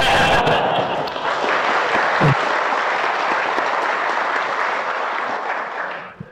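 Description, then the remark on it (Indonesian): An audience applauds steadily for about six seconds, a dense, sustained wash of clapping that holds its level before fading out at the end. “Apa jadi tepuk tangan begitu bid'ah.”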